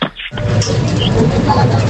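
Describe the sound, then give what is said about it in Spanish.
A bottle deposit machine whirs steadily with a low hum as glass is passed over its barcode scanner, with faint brief electronic chirps; a short quiet gap comes before the continuous mechanical noise. “Ese sería al pasar el vidrio por el código de barras”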